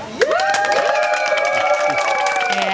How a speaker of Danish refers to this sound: Og nu skal vi så have det afgjort, og det er jo så publikum her, der skal bestemme, hvad vi skal høre. Må vi se, hvor meget I er med til at råbe her.